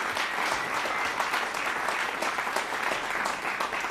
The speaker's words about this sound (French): Je veux l'applaudir très fort.